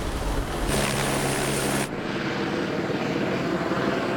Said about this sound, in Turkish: Helikopter uzaklaşırken sesini kuşlara ve böceklere bırakıyor. Çok sessiz.